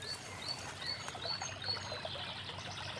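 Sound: flowing brook water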